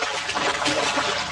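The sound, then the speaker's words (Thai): Water splashing and churning without a break for just over a second, a dense, hissy rush with uneven surges, as a fish struggles caught in a net. No voices. “เสียงปลาตะเกียกตะกายร้องขอชีวิตตอนติดแห”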